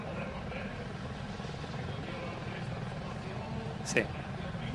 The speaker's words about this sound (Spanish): Como vemos, es que la imagen está grabada desde distancia y ya los helicópteros parecen cerca. Ese plano es buenísimo. Fíjate lo que decíamos de las hélices, ¿no? Lo cerca que están. Ese plano es buenísimo. Que se tocan.